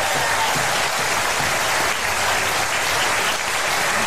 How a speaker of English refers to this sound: So let's have a round of applause for Acker.